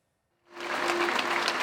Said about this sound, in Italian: il lunghissimo applauso delle centinaia di persone, molte delle quali con il fiocco rosso o altri simboli contro la violenza sulle donne, accorse